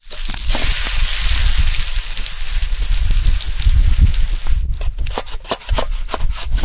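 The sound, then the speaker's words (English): Pancakes sizzle steadily in a hot pan at a campsite on Parent Lake on a very sunny day, with a dense crackling hiss throughout and a few sharper clicks and scrapes toward the end. “I can hear him making pancakes.”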